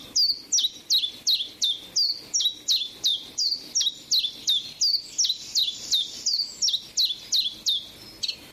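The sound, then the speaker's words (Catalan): A common chiffchaff calls in a steady, rapid series of bright, high chirps, about two per second, clear with no voices present. “Mosquiter comú. Filoscopus colivita. Ocell hivernal que trobem d'octubre a abril als rius i zones humides, platges, roques, camps de conreu i zones boscoses.”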